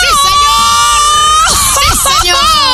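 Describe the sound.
A woman radio host lets out a short, high-pitched excited scream, loud, with other voices chattering and laughing around her, on a radio show from Guadalajara, Jalisco, Mexico.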